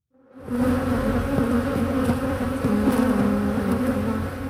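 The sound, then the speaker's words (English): A dense, steady drone of many honeybees buzzing around the beehives of the Memorial University apiary. The continuous swarm hum swells in after a brief silent start and holds throughout, with no voices. “donned a bee suit and spoke to them near the hives.”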